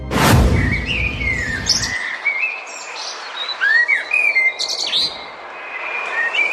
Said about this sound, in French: Voilà, ça fait toujours du bien d'entendre les petits oiseaux.